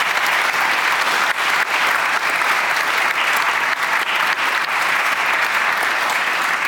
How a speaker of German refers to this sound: An dieser Stelle aber einen Applaus für Thomas von Steinecker und seinen Roman Schwestern.